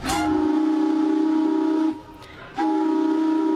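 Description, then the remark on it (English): The steam whistle of the paddle steamer PS Canali in Swan Hill gives two loud, sustained blasts, the first lasting almost two seconds and the second starting after a brief gap. It is a steady, rich multi-tone whistle with no voices. “What a sound there from the PS Canali to the Gem in Swan Hill reopening next week.”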